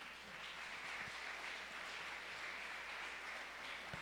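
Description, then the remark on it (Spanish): A crowd applauds steadily for about four seconds, a dense, even wash of clapping that sounds somewhat subdued, with no voices over it. “Dele ese fuerte aplauso.”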